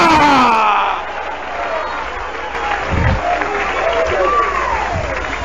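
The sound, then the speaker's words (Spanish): An audience breaks into applause and cheering for heaven, a dense wash of clapping with voices calling out over it, loud at first and then settling into steady ongoing noise. “¡Den un aplauso al cielo, pueblo de Jehová!”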